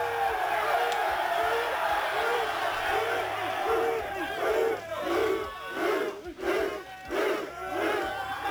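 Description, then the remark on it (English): A football team whoops and cheers together in the locker room after a 38-37 overtime road win, hugging, a loud, dense mass of excited male voices breaking into rhythmic, chant-like shouted bursts that keep going without a pause. “In the locker room afterwards, they were pretty excited. Fighting lines. Road win. Not easy. Hugging, cheering.”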